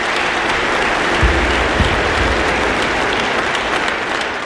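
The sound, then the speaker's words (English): A large concert hall audience of thousands applauds steadily after the final notes, a dense wash of clapping with scattered cheers for the soloist and the ensemble, loud and sustained throughout with no one speaking. “The final notes shimmer in the hall as the crowd cheers the soloist and the ensemble, thousands of individuals who, for an evening, are united by the experience.”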